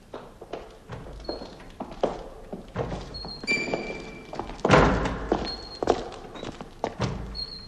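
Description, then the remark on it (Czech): A door blown by the wind bangs open and shut again and again, with irregular hollow thuds and knocks, one heavier slam midway, and faint high creaks between the hits. No one speaks. “To, co jsme zrovna slyšeli, byly dveře, které se větrem zavírají a otvírají.”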